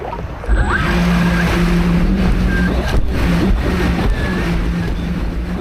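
The motor of a Dolphin 3 water rescue drone hums steadily with a low, droning tone as it is started in knee-deep water and steered by joystick from the beach toward a lifeguard colleague, running continuously over rushing surf and wind noise for several seconds, with no voices.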